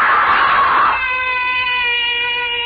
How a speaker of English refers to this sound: Why am I screaming? Just a dream. I'll stop screaming.